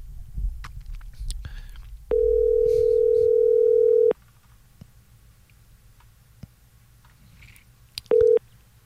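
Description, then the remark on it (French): A telephone line sounds a steady two-second tone as a phone call is placed, then falls silent before a brief second tone near the end, like a dial tone and ringing. Soft rumble and faint clicks fill the gaps. “On s'en va au téléphone.”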